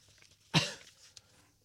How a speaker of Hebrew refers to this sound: חבל שאני משתעל כל הזמן.